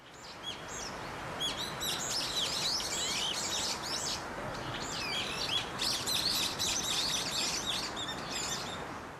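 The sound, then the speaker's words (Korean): Many birds sing and chirp together in dense, overlapping high-pitched trills and tweets, played as a sound of nature on MBC Chungbuk FM radio before its 7 o'clock time announcement, continuing steadily throughout over a soft, constant rushing background hiss. No one speaks. “자연의 소리 MBC 충북이 7시를 알려드립니다.”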